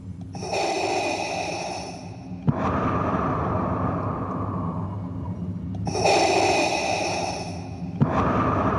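Heavy, mechanical respirator breathing of Darth Vader through his characteristic black mask, slow alternating inhales and exhales with a hissing, rasping texture, about two full cycles, loud with no talking.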